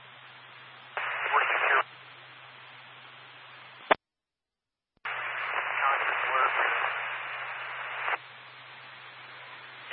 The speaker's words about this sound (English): Extreme static